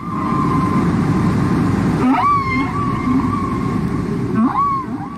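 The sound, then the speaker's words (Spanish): Whale song from a 1971 record of whale voices only, with no singers: long, wavering tonal calls that slide up and down in pitch, with two sharper swooping cries rising over a steady, dense low rumble of water noise. “Obvio que no tenía cantantes, únicamente las voces de las ballenas.”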